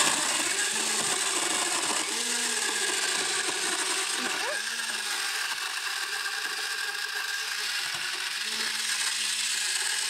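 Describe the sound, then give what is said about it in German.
A countertop blender runs steadily for the whole stretch, a loud, gritty whirring roar as it churns ice into a frozen slushy drink, with faint voices murmuring underneath the motor noise. “Wenn ich jetzt keinen Mixer zu Hause habe, kannst du das mit einem Stabmixer auch machen?”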